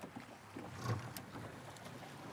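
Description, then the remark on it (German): A small boat motor sputters as it starts up after a safety button is pressed, a rough burst of engine noise over steady wind and water hiss, with no one talking. “Genau, dann pupst es und du fährst los.”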